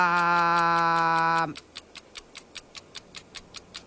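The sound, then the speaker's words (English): A sustained electronic tone holds for about a second and a half, then gives way to a quiz's 60-second countdown clock ticking rapidly and steadily, crisp and evenly spaced, with no voices. “60 seconds on the clock.”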